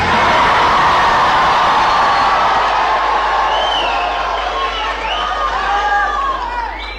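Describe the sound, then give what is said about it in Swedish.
About 200 young people from Tranås and Jönköping at Folkets Park in Jönköping, Sweden, cheer and shout happily during the Sommartoppen radio broadcast, a dense wash of excited voices with high whoops and calls rising above the roar, loud throughout and easing slightly toward the end. “De spontana glada röster vi hörde här alldeles nyss”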